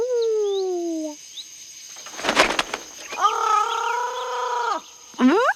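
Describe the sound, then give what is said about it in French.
A parrot squawks: a descending harsh call, a burst of rustling or flapping, then a long, loud, grating squawk and a short final cry. “Et il y a des perroquets.”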